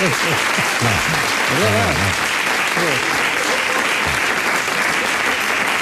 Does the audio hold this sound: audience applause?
yes